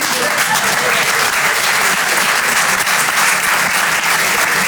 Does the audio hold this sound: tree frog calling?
no